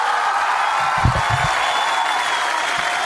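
Steady, dense applause fills the whole clip, a loud continuous wash of clapping with a few brief low murmurs of voices mixed in around the middle.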